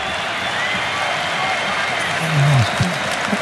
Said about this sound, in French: Et c'est pour ça que tout le monde applaudit du côté écossais.